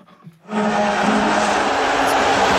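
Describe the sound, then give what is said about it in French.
An arena crowd at Madison Square Garden, New York, whistles and boos US President Donald Trump at Game 3 of the NBA Finals between the New York Knicks and San Antonio Spurs: a dense, loud, sustained roar that swells in abruptly after a brief quiet moment and holds steady to the end. “Est-ce que vous entendez? C'est le président américain qui a été sifflé au Madison Square Garden.”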